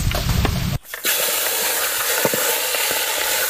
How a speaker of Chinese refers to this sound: 王婆大虾，鲜过油锁住鲜味。这个过油火力虽然不大，但慢慢炸透还是没问题的。